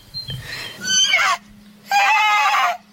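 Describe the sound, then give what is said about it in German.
A horse neighs twice in close succession, each whinny loud and harmonic with a shaky, descending quaver, separated by a short pause; faint low rumbling sits underneath. “Los, vor dringend hört man wieder das Wiehern.”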